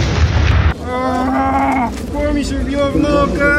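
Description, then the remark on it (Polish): A loud, low, rumbling blast from a simulated drone strike during a joint police, army, fire brigade and medical services exercise in Białystok, Poland, fills the opening moment, then cuts off abruptly as people start talking over a steady background. “Jest uderzenie drona, najprawdopodobniej przemytniczy. No coś wybuchło i działamy.”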